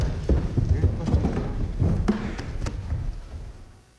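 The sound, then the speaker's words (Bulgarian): Steady clip-clop of hooves thudding along in an uneven walking rhythm as a horse is carried outside, with faint murmuring voice sounds underneath, fading slightly toward the end. “Не! Никой да не се доближава до него. Аз сам ще го изнеса вън.”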